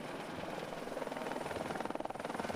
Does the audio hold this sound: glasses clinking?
no